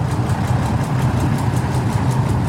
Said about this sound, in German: So, läuft das Ganze. Beide Motoren? Jawohl, sind gut angesprungen. Alles in Ordnung gewesen beim Starten oder hat er irgendwas gehabt?